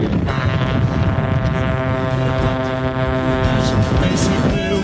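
Several vehicle horns blare at once in a loud, sustained chorus, their overlapping tones held almost continuously, with a rough, noisy crowd-like background underneath.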